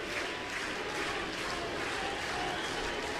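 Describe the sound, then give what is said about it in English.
A baseball crowd chants for the player Yuki, a dense, steady wall of massed voices that holds at a constant loudness throughout, with no single voice standing out. “Listen to him chant for Yuki.”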